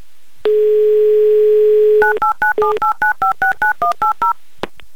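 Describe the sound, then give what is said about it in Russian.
A steady telephone dial tone hums for a second and a half, then a quick run of about a dozen touch-tone beeps dials a number on a mobile phone for a call to Simferopol, ending with a faint click. No one speaks. “Класс, гудок имеется. 30 секунд у нас, чтобы послушать гудки.”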